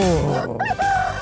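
A rooster crows loudly, one drawn-out cock-a-doodle-doo with a rising, wavering call that fills the short moment on its own.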